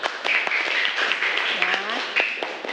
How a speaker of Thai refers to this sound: โอเคเอาปรบมือเพื่อนหน่อยค่ะ